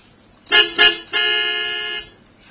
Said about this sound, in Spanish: Cecilia está tocando bocina hace rato